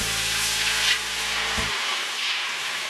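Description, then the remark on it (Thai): Plain water pours into a hot brass pan on a stove, making a steady close hiss and sizzle for the whole stretch, while a low background hum cuts out partway through. “กระทะทองเหลืองตั้งเตาเทเอาน้ำเปล่าลงใส”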